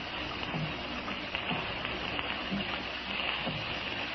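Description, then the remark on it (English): Steady rain patters against window panes, a dense hiss of drops with faint scattered taps throughout, fairly quiet and continuous, with no voices. “I could actually believe that the rain was a million fingers tapping on panes.”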